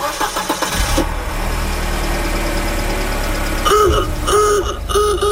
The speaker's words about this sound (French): Ça tourne bien, ce moteur-là, c'est comme neuf. Ben oui.